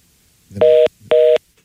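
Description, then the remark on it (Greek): Two short, loud electronic telephone tones, each lasting about a quarter second with a brief gap between, heard alone with no talking, as a caller's phone line drops. “Και αυτό έπεσε, οπότε”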